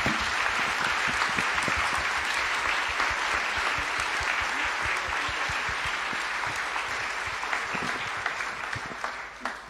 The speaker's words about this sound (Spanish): Palabra del Señor. Gloria a ti, Señor Jesús. Aclamemos con un fuerte aplauso la palabra de Dios.